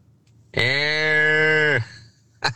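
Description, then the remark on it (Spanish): A child's voice imitates a T. rex dinosaur roar with one long, steady, moo-like bellow lasting over a second, loud, then a short breathy burst at the end. “Lo que pasa es que no sé si el es el dinosaurio o una vaca que se le metió en el camino.”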